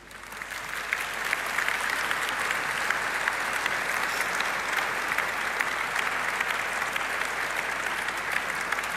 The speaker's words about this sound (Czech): Krásný potlesk pro vás